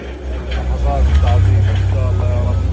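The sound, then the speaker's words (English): Heavy earth-moving machinery grinds through piles of waste and rubble in Gaza City, loading it onto trucks bound for a new landfill. Its deep engine drone is steady and swells louder partway through, with indistinct voices faintly audible over the noise. “Across Gaza City, earth movers grind through piles of waste, loading it onto trucks bound for a new landfill in the south.”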